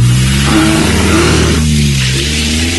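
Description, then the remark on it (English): A car engine revs loudly, its pitch climbing and dipping as it accelerates away from a lion chasing the car, with steady road noise throughout and no voices. “It wasn't fair for you to try and turn the car around on the lion.”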